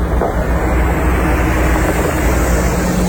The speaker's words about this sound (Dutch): Hier rijdt een grote bus. AI Data Revolte staat daarop.